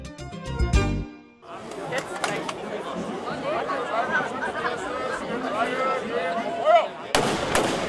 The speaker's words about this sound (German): Mit einem Böllerschießen gab die Schützengilde Zerbst den Startschuss für das Heimat- und Schützenfest 2026.